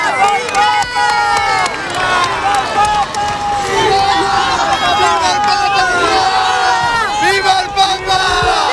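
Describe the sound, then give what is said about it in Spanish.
A dense crowd shouts and cheers continuously in the heat at a street procession in Spain with black, white and bay horses, as a car carrying Cristina arrives; many overlapping voices rise and fall in a loud, steady roar with sharp individual cries cutting through. “La hermosura de los caballos negros, blancos, bayos, blancos de nuevo, los gritos y el calor.”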